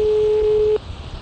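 A single steady ringing tone from a phone line, heard through the receiver while calling someone back on a landline, lasting under a second before cutting off to faint line hiss. No one speaks.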